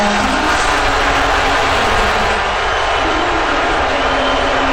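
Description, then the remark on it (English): A large arena crowd at Madison Square Garden in New York boos President Donald Trump during the national anthem before the first NBA Finals game, a dense, steady roar of many voices with a low, droning 'boo' running underneath, holding at the same level throughout. “He was surrounded by a bulletproof glass, and he was booing by fellow New Yorkers.”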